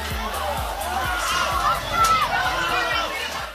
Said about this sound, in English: Meeting their student section here. Man, this is an awesome sight to see. The student section gets to kind of rush the field.